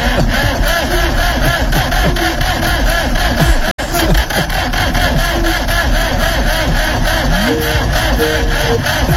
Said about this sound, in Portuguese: Ai, essa época do ano começa com esse negócio de motor não virar já. Não vira, não tem jeito.